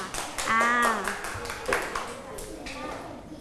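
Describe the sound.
A group of people clapping hands in a quick, uneven burst of moderate loudness, with brief voices and a high ringing tone mixed in near the start.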